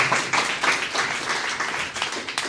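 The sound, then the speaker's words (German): A crowd claps steadily, a dense wash of many hands applauding at once, with sharper individual claps standing out. No one speaks. “Ich möchte trotzdem mich ganz besonders bedanken und bitte einen Applaus”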